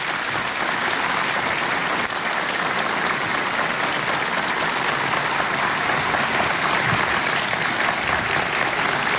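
A large audience applauds as the conductor of the TRT Ankara Radio polyphonic choir is invited onto the stage: steady, dense applause, a continuous bright wash of many hands clapping at an even, fairly loud level with no voices over it.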